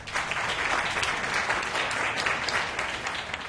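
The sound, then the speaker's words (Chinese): A crowd applauds steadily, a dense, even wash of many hands clapping at a consistent loudness throughout, with no voices standing out, welcoming the new vice chairman of Yan's Enterprise (严氏企业), who is in charge of the shopping mall, as he is invited to give a speech. “掌声欢迎副董事长。”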